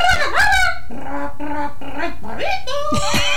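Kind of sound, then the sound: bird, peacock call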